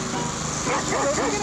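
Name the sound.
dog barking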